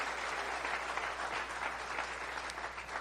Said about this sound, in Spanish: Oh, bendito sea su nombre. Si dale un aplauso al Señor.